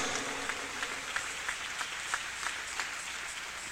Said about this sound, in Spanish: ¿Cuánto le damos ese aplauso al Rey? Alabado sea Dios.